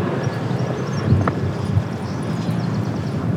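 A twin-rotor military transport helicopter passes overhead, a steady low rumbling drone with a faint rhythmic thudding beneath it, fairly loud and continuous with no voices.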